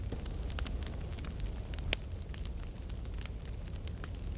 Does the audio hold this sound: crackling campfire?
yes